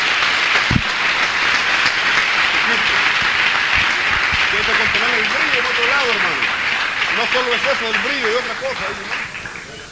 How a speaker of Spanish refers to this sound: Ha venido una visitación del Espíritu Santo sobre esta iglesia. Denle un aplauso al Señor, por lo menos por eso, hermano.